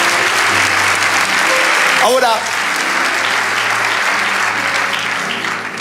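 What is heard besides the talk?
audience applauding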